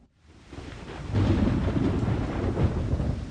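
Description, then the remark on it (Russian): Deep thunder rumbles and builds over steady heavy rain, swelling into a loud, sustained roll that fills the scene with low booming energy. “Гроза была страшной, а я бежал и бежал к знакомому переулку, громко шлепая по хлопающим, бурлящим лужам, стараясь заглушить удары собственного сердца.”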